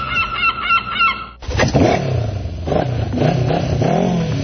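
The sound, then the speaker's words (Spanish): A short burst of honking gives way to a loud motorcycle engine revving up and down for a few seconds, with no voices. “¿Vas en motocicleta?”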